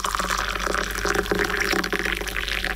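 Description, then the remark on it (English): Milk is poured into a cup of tea, a steady, continuous liquid trickle with a bright splashing texture that holds at an even level for a few seconds, with no voices. “A little bit of cow juice in there and a teaspoon of the sweet stuff and good to go.”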